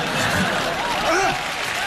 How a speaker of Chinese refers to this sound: 都注意啊！ 这老爷子还要掌声。